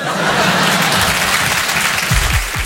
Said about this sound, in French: Oui, c'est rentré d'un seul coup, l'applaudit bien fort,